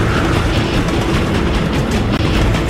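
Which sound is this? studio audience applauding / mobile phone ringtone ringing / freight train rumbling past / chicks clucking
freight train rumbling past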